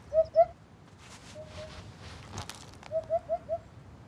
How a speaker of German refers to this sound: Langer Schnabel, prächtiges Gefieder und ein irgendwie hupender Ruf. Wiedehopfe sind Gaukler. Wenn sie ihre Federhaube aufstellen, wirken sie mächtiger, als sie in Wahrheit sind. Dabei sind sie kaum größer als eine Amsel.